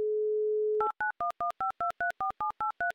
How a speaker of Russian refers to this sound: Но сначала хотелось бы услышать гудки. А они у нас вот такие.